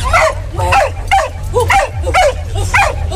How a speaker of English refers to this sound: For Corgi, that's actually quite a loud bark. They don't have that deep kind of bark. They're more that kind of yappy, like. I wasn't that impressed.